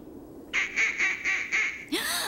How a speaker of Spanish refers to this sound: ¡Patos!